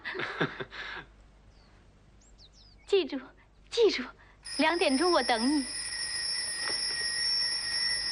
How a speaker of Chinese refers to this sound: 对好2点的闹钟，把姑娘惊醒了。